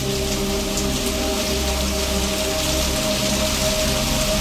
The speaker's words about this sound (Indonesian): hujan deras lagi.